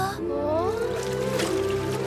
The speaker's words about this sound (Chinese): 是独角鲸群。